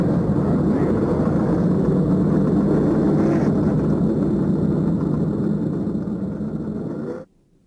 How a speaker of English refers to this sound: Gentlemen, start your engines. There's the command of Mary Hallman George. And the engines roar to life.